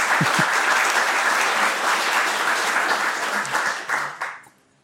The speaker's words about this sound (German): Ja, gerne Applaus.